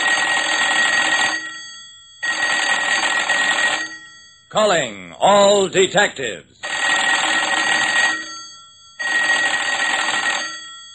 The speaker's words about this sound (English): Jerry, your phone's ringing.